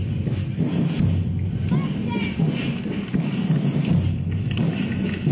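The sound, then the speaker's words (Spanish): A standing audience claps steadily for the San Juan Ignoble School as it parades past the official stand, a dense, sustained patter of many hands that holds at an even level throughout, mixed with crowd murmur and low rumbling background noise. “Estos aplausos, señoras y señores, para esta institución educativa particular San Juan Ignoble School.”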